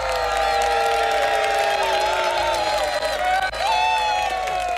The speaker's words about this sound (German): Und einen herzlichen Applaus zurück, herzlichen Glückwunsch.